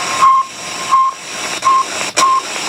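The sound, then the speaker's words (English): Radio beeps from the Soviet satellite Sputnik in 1957: four short, steady mid-pitched tones repeating at a regular pace over a constant wash of loud static hiss, with no voices. “Those beeps from the Soviet satellite Sputnik in 1957 helped inspire one of the most important technologies of the modern era, the Global Positioning Satellite, or GPS.”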